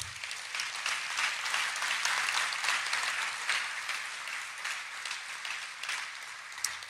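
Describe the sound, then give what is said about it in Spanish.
An audience breaks into sustained applause for God, a dense wash of many hands clapping steadily at a fairly even loudness for several seconds, with no one speaking over it. “Un aplauso para Dios.”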